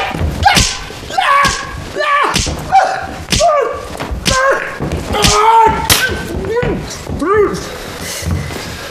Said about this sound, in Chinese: 现在我告诉你我的意思。金彪，正反抽着兔崽十个大嘴巴子。